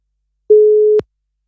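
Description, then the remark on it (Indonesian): A single half-second beep of a phone busy tone after a dropped WhatsApp call, a steady mid-pitched electronic hum with soft clicks at its start and end, heard alone and fairly loud with silence around it. “Loh ini pada hilang ya teleponnya yang lewat WhatsApp ya.”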